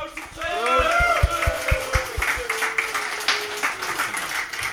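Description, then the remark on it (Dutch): A crowd breaks into applause with steady, rhythmic clapping that builds and carries on, mixed with raised voices and cheering, lively throughout, accompanying a toast. “Een proost en een groot applaus”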